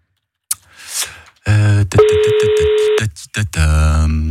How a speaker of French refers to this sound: On va faire sonner le téléphone de qui ce matin? Est-ce que ça sonne? Est-ce que ça sonne? Est-ce que ça sonne? Et ça sonne ou pas? Oui, ça sonne.